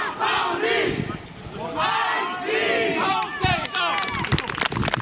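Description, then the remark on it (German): A crowd at an FC St. Pauli blind football home match at the Borgweg cheers and shouts loudly, many voices overlapping in rising whoops, with bursts of clapping breaking through toward the end. “Applaus und Jubel, Blindenfußball des FC St.”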